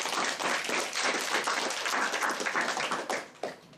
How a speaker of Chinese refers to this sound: 那么接下来我们就有请香港文化推荐官上台推荐。 好，大家掌声欢迎。